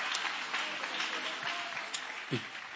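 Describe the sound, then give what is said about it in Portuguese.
Steady, dense applause from an audience welcoming a preacher at a religious gathering. A continuous crackle of many hands clapping at once, with a brief vocal cheer rising out of it near the end. “Só quem quer saber o que é vai aplaudir com a melhor fé e maior alegria que você estiver aí.”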